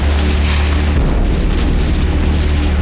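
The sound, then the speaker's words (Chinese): Gunfire and heavy booms roll together into a continuous, loud rumble of battle, dense and low, with no clear pauses between shots and no voices, as the gunfire approaches a street to the left. “好了，枪声已经接近左边那条街道，等响到你的门前，我们的讨论就没有任何意义，所以你还有5秒钟的考虑时间。”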